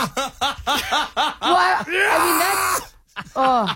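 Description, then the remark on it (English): A voice imitates the scream of pain of an injured Bears player: a quick run of short yelping grunts, then a long, strained, raspy cry, and after a brief pause one more shorter yell, loud. “I made the same sound. I went, yeah!”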